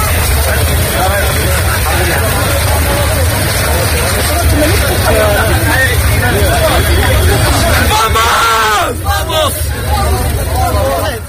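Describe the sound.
A dense crowd of hundreds of people entering across the Tarajal border in the afternoon fills the scene with overlapping shouts and excited voices, a constant loud babble with rising calls and cries, over a steady low rumble.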